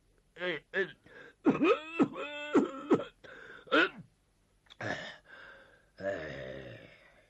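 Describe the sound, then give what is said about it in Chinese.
A man's voice imitates the elderly Zhao Erxun at the start of a meeting, wheezing and gasping, then coughing in rough bursts and blowing his nose, a fairly loud run of strained breaths and hacks with brief pauses. “会议开始之时，赵尔巽首先得讲套话了，老头太老了，动不动了上气儿不接下气儿，先咳嗽一顿，又擤鼻涕又擦眼泪，你说这个麻烦劲儿吧，足有五分钟他才收拾完。”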